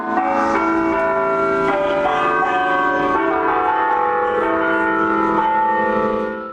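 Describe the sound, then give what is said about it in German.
Church bells of the Sagrada Familia in Barcelona ring out together in a dense, resonant peal, overlapping tones sustaining and shifting pitch continuously, loud and full throughout with no talking. “Ihr Glockenspiel sollte mit dem Wind über die ganze Stadt wehen.”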